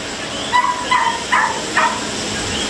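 Four short, high-pitched dog barks, from some of about 15 dogs kept at a house on Calle Ignacio Arzuaga in Carolina, come in a loose, evenly spaced series over a steady background hiss, fairly clear, with no talking.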